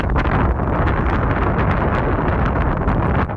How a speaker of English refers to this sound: Unfortunately, it was quite windy up there, so I couldn't really hear them.